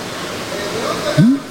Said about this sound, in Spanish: No, pero ¿quién da gracias a Dios por ese chorro de agua, por esa agüita que te tomas?